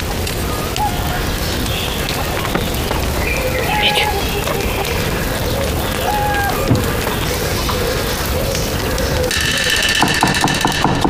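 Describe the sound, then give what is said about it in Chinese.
Rapid knife chopping on a cutting board as a cook shows off knife skills, a fast, steady run of sharp taps blurring into a dense clatter that carries on at an even loudness for several seconds. “儿子，进来，看看我的刀工。”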